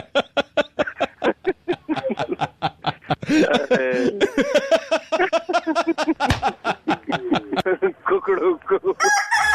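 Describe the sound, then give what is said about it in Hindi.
A loud rooster crow rises out of a quick run of rapid clucking pulses, its long wavering call stretching for several seconds with chuckling, cackle-like sounds woven through it. “एक काम करो, एक चीज बोलो। क्या बोलो? कुकड़ुकू।”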